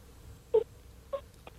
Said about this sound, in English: That's my other dog, sorry. Oh, the other dog wants to get involved now. He's like, hey, hang on a minute. Let me have a chat about this as well.